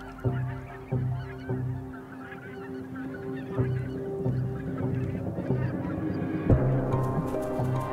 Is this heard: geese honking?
yes